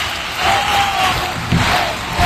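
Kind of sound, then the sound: crowd, audience applause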